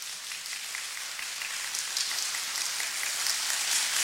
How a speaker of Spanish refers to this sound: Lo vamos a volver a repetir. Solo aplausos, por favor. Aplausos ahora.